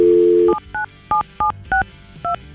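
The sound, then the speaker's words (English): A dial tone cuts off, followed by six quick touch-tone keypad beeps as a phone number is dialed, each a short dual-pitched tone in an even, steady rhythm, clear with no talking. “And we're going to call Mike. We have his phone number.”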